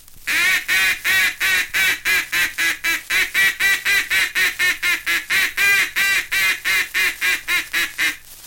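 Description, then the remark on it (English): A rapid, steady stream of loud nasal quacks blown on a duck call, simulating two or three mallard hens on the water calling together to bring ducks down, for about eight seconds with no talking. “Notice how this call is made to simulate two or three mallard hens on the water joining their calls and pleading with those ducks to come down to them.”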